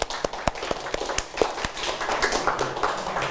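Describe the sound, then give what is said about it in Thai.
A group of students in a classroom claps in a short, scattered burst of applause, with sharp irregular hand claps at first that thicken into a denser patter, moderately loud. “ดีมากเลยครับนักเรียนปรบมือเ”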